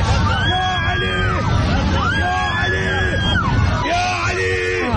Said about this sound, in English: The screaming helps. Right, right.